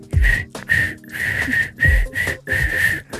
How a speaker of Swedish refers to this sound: Borde vi ge en snabb liten uppvisning om du visslar helt snabbt.